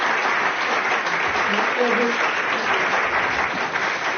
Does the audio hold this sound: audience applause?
yes